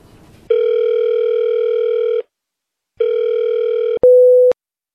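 A telephone ringback tone plays while a call is placed: two long, steady buzzy tones separated by a short silence, then a brief clean beep as the line connects. Loud and close, with no talking.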